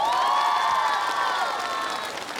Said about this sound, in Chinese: 所以呢，我们首先掌声给我们的非常优秀的舞者